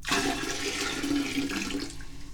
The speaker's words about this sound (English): So let's dump out the old kitty water.